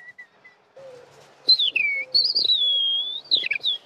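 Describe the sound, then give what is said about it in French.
A person whistles an imitation of male skylark song, depicting the lark's ascent: long, sliding high tones with quick flourishes and a warbling burst at the end, loud, after a few faint soft notes. “Là, on entend l'alouette et vous voyez, il est obligé de bouger un petit peu. Il devient oiseau.”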